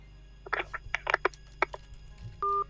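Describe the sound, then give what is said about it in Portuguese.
A quick burst of clicks and handling clatter, then a short steady electronic tone as a caller hangs up the telephone and the call disconnects. No one speaks. “A Mereia ficou com vergonha. Desligou o telefone.”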